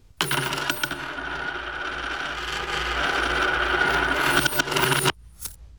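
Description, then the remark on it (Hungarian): A bag of gold coins drops and spills, a dense metallic clinking and jingling that runs steadily for about five seconds, then cuts off sharply with a last faint rattle. “Meghoztam a pénzt, viszem az asszonyt.”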